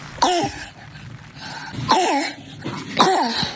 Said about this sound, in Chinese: 这个咳嗽声音啊，一听就是一个儿童咳嗽的声音，有点嘶哑的声音，而且带有一点轻微的喘鸣，像着小狗叫一样，这是犬吠样咳嗽。听到这种咳嗽的声音的时候，要指向一个病，指向上气道的梗阻。